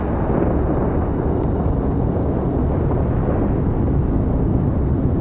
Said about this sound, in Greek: Μέσα από την ομίχλη βλέπω μπλε φώτα να αναβοσβήνουν και ακούω κάτι που μοιάζει σαν αστραπές, σαν μια καταιγίδα να έχει μπει μέσα στο μετρό.